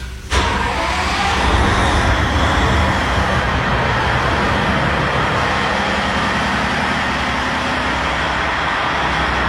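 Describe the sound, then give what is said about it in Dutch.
The engine of the inland cargo ship Ronin, being started up to test everything, starts with an abrupt burst, then settles into a loud, steady diesel rumble with a deep droning hum that runs on unchanged, with no voices. “Zo, de motor wordt hier net opgestart van het binnenvaartschip Ronin.”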